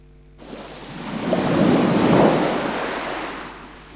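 A single wave of surf rolls in and swells to a broad, hissing roar before slowly washing back out, with no voices and a windy rush throughout.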